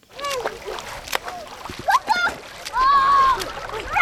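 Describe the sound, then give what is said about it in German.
Children splashing and playing in the small river Jagst in Ellwangen, about 40 cm deep and 2 m wide at this spot, with bursts of water splashes and excited high-pitched voices and shouts mixed in, lively. “Auch wenn das nach Schwimmbad klingt, die Kinder spielen hier im kleinen Fluss Jagst.”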